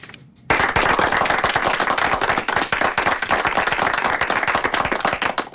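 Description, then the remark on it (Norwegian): A small group in the Radio Øst studio bursts into lively applause for a listener's donation after a brief quiet moment, dense overlapping claps continuing steadily for several seconds with no voices. “og nå skal vi klappe litt for deg også.”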